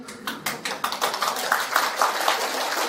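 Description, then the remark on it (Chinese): An audience claps steadily for a few seconds, a dense crackle of many hands with some sharper individual claps standing out. No one speaks over it. “拍手表示大家愿意修了啊。”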